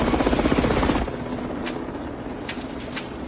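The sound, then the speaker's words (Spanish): A helicopter approaches a broken window: its rotor chops loudly for about a second, then the roar drops to a steadier, quieter drone with a few faint sharp ticks on top. “Un helicóptero se acerca a la ventana rota.”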